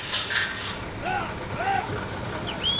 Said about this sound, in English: For the first time in more than a year, a group of U.S. Customs and Border Protection officers are unlatching a lock on a giant door built into the towering, rust-colored border wall.